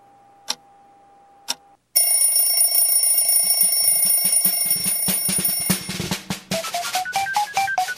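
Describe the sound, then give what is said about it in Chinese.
Radio time signal beeps marking four o'clock exactly: two short pips a second apart over a faint steady tone, then a loud, sustained, bright ringing tone that carries on for several seconds, with no talking. “面音响4:00零秒。”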